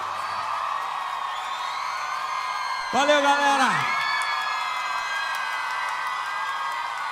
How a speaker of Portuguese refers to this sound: Aplausos